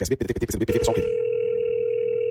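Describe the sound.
A voice speaks for about a second, then a steady, unbroken telephone dial tone takes over on a call to the state government line, a flat mid-pitched hum holding at an even loudness until the end.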